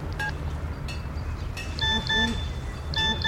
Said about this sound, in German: Was? Eine SMS?